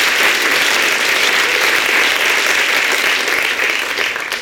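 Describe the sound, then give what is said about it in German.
Sustained audience applause, a dense, steady wash of many hands clapping at a loud, even level for several seconds, tapering only slightly at the end. No voices stand out. “Und großen Applaus für Kim Katrin!”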